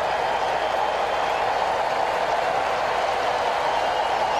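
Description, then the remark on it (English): A large sellout stadium crowd at a baseball game roars and applauds, rising to their feet in support of pitcher Chris Sale as he nears a strikeout. The cheering is a loud, steady wash that holds without a break, with no voices speaking over it. “And this sellout crowd rising to their feet in support of Sale.”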